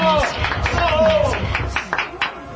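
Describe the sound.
An audience applauding, a dense wash of overlapping claps mixed with crowd voices and cheering, steady at first and thinning into scattered claps near the end.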